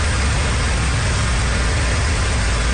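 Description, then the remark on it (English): Motorists drive over a flooded road in southern Cape Breton, Nova Scotia, after heavy rain and high winds: a steady, loud vehicle engine rumbles, with a constant broad hiss of rushing, splashing water over it. The sound holds even throughout, with no voices. “Motorists drive over a flooded road in southern Cape Breton.”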